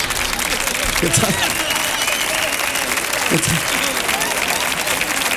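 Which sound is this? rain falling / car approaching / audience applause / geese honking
audience applause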